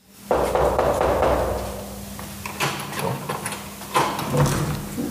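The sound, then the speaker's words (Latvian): A few irregular knocks on apartment doors in Riga, Latvia, by people searching for residents, over a steady low hum and faint rustling, with no one speaking. “Mēs klauvējam pie visām durvīm.”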